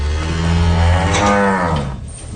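A dairy cow on a dairy farm lets out one long, loud, low moo, its drawn-out bellow lasting about two seconds before trailing off, with no voices present.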